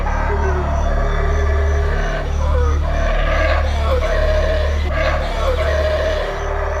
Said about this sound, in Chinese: 棕毛吼猴因震耳欲聋的叫声而闻名，它可以通过吼叫恐吓其他敌对族群，也可以在遇到危险时发出警报。